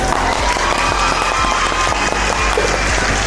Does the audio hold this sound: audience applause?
yes